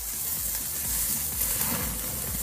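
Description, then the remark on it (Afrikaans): Meat sizzles steadily on a South African braai grill on Heritage Day, a continuous crackling hiss with scattered pops and no voices. “En wat sou erfenisdag wees sonder 'n behoorlike Suid-Afrikaanse braai?”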